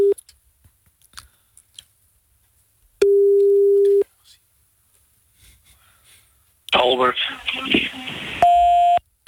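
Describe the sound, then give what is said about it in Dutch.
Steady electronic phone tones: a long held beep, then a burst of clattering handling noise, then another higher steady tone, as a phone call is placed to a man and rings, with faint quiet sounds between. “We kunnen hem in ieder geval even bellen.”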